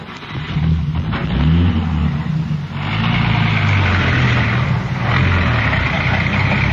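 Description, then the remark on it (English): A police radio car's engine rumbles loudly and steadily, revving as the car pulls away and drives on, with a low continuous roar and no voices. “Here's the radio car.”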